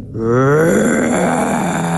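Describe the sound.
A person imitates an elephant roar with a loud, sustained, rough bellowing groan, starting abruptly and continuing without a break.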